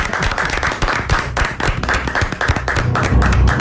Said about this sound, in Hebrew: אני הייתי מציע שנפתח במחיאות כפיים. בהחלט.